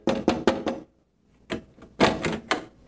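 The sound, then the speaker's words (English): Someone knocks on the front door of a family home in Wisconsin: four quick, firm raps, a short pause, then another series of knocks. The knocking is clear, with no voices. “We had lived there several years when there was a knock at my door.”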